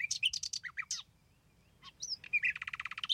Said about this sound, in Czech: Nevidím pod jeho ocáskem žádný klíček na natahování, že on bude také pravý. A jen to císař dořekl, Slavík zaspíval.